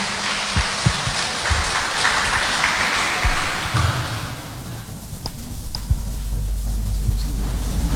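An audience applauds a presenter at an event, a dense, steady crackle of many clapping hands, which thins and fades over the second half, leaving a low hum. No one speaks.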